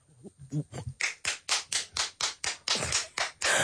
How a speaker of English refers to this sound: That one lonely clap from your mother in the audience.